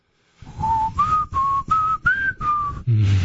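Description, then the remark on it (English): A person whistles a short melody of six clear, sustained notes, each separated by brief pauses, with pitch stepping gently up and down; the whistle is fairly loud and stands alone without speech. “My dog loved it when I whistled that song.”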